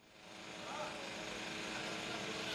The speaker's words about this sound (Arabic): الطائرات التي تحوم فوقنا الآن وعلى ارتفاعات منخفضة هي طائرات استطلاعية بتقنية عالية جدا وترصد كل شيء على الأرض